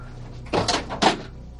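Two or three heavy knocks on a metal safe, each a dull, clanking thud with a brief ringing resonance, separated by a short pause against a quiet background.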